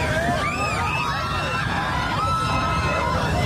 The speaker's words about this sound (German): Was kreischt denn da? Also zu hören sind etwa 20 Wagemutige, die auf einem Floß sitzen und die mit ihrem Flößer in ein Wehr abtauchen.